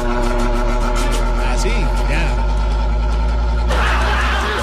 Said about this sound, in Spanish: el ventilador de mi trabajo suena igual. Es que ese es un trabajo, esos ventiladores, pero de los buenos, oye.